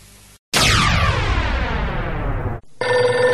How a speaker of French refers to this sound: Ah putain, le téléphone qui sonne, à un moment donné, j'appelle.